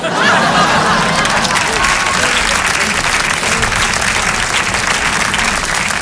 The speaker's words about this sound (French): Merci d'applaudir la performance. Merci.